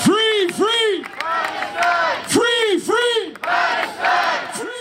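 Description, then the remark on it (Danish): A crowd of pro-Palestine demonstrators protesting around the Eurovision Song Contest chants loudly in unison, repeating short rising-and-falling phrases in a steady rhythm, with paired syllable shouts separated by brief pauses and a general crowd roar underneath. “Her til eftermiddag begyndte en af demonstrationerne til fordel for Palæstina.”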